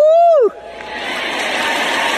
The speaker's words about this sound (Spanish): Escuché a una persona gritar por allá atrás y yo también voy a gritar.